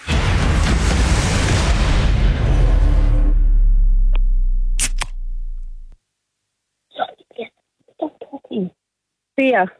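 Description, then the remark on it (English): A beer can, can number two in a radio guessing game of beer versus soft drink, cracks open with a loud burst of hissing fizz that slowly fades over several seconds, then a few short bursts of voices follow. “It would be a bit strange if they knew what the sound of a beer was.”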